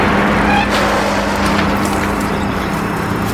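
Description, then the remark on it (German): A car rushes by much too fast on a country road lined with oak trees, a loud, steady roaring whoosh of engine and tire noise filling the whole moment, with no one speaking. “Und auf der Straße ein Auto. Bibi, die viel zu schnell ist, das Auto”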